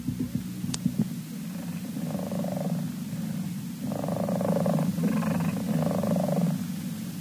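A cat named Bootsy purrs steadily, a low rumbling drone that swells in rhythmic pulses, growing slightly louder in the second half, with no voices.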